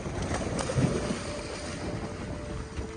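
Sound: boat moving over water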